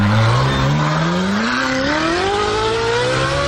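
The engine of the original petrol Ferrari revs up, its loud throaty tone climbing steadily in pitch over a few seconds as it accelerates, with no voices over it.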